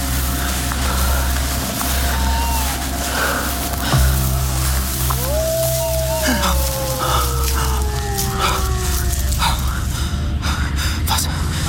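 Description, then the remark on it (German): A dog howls on the moor at night: one long, drawn-out cry that rises and then slowly sinks, after a brief fainter wail, over a steady low wind-like rumble. “Das Heulen schien von dort drüben gekommen zu sein, nicht?”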